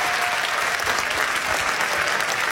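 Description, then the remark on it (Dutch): An audience in a café claps steadily for a quiz contestant throughout, a dense, even wash of many hands at a constant loudness with no voices on top. “Mag ik daarvoor alvast een applaus, dames en heren.”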